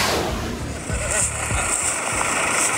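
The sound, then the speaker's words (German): A steady, rumbling tractor engine drones, low and continuous with some clanking, as the tractor rolls outdoors onto a field at Schloss Wippach to bring in Hokkaido pumpkins, with a faint high hiss above it. “Das ist das Geräusch, wenn der Traktor aufs Feld rollt, um die Kürbisse vom Feld zu holen.”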